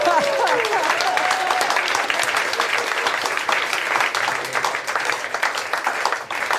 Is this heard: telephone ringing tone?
no